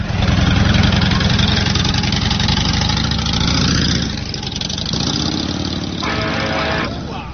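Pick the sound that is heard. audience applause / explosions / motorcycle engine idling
motorcycle engine idling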